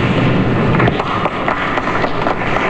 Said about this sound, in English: But Mr. Haig drew only a ripple of applause.